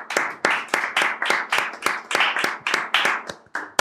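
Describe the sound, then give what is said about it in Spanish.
Hands clap in a steady, fairly quick rhythm, about a dozen sharp claps in a row, with no one speaking over them. “¿Quieres un poquito de... ¿Un aplauso?”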